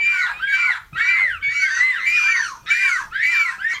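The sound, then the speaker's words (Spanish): Voices imitate seagull calls: a rapid series of high, wavering, squealing cries, about eight loud bursts with brief gaps between them, and no ordinary speech. “Son gaviotas o niños encerrados en un parque.”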